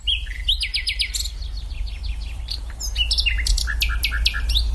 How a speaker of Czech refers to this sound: Tak teď jsme slyšeli, myslím, vcelku důvěrný zvuk. Komu patřil? Tohle to je Slavík Obecný. Kdo ho má na zahradě, tak je jistě velice rád, protože Slavík vyspěvuje od večera až do pozdního rána, takže zpívá celou noc.